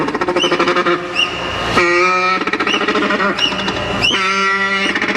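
An African penguin brays like a donkey, a loud harsh series of rhythmic honks building into a long, sustained nasal call, and the whole sequence then repeats.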